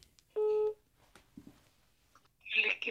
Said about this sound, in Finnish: Valitsen numeron ja soitan nauvoon.